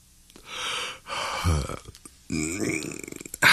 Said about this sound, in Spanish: Muchas veces, lo primero que hacemos al empezar el día es bostezar. Ay, es como si la boca quisiera estirarse, hacerse lo más grande que puede, aflojarse para empezar el día.